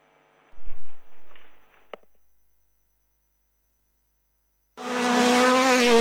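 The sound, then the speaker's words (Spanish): A rally car engine revs and roars with harmonic whine, a brief sharp tire skid, then after a short silence another loud engine roars in, sustained; rally car engines on the roads of the department for the Rally de 33, 18–20 September. “Muy pronto rugen los motores en los caminos del departamento.”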